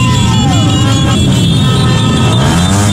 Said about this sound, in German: Auto- und Motorradkorsos in Ecuador gerade. Die feiern, als wären sie schon Weltmeister geworden.